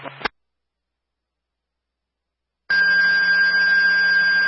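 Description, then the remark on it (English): A fire dispatch paging retone for Chesterfield and Spofford, calling personnel to assist State Police in a search for a missing juvenile: a short clipped burst, a long silence, then a loud, steady, high electronic tone that holds unbroken through the end, with no one talking. “That's a retone for Chesterfield and Spofford.”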